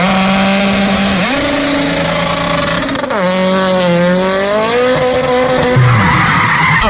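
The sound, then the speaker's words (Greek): A car with a blown tire skids in the middle of the road, its rim gone, with a loud, sustained tire squeal whose pitch wavers up and down over an engine roar, continuing for about seven seconds with no one speaking. “Πάει το λάστιχο, πάει και η ζάντα στη μέση του δρόμου.”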